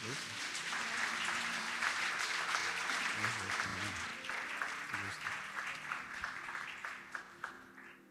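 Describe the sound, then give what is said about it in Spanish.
A crowd applauds steadily for several seconds, a dense, sustained wash of clapping with scattered sharper claps standing out, and faint voices mixed in beneath it. “Un aplauso para Amén. Dios.”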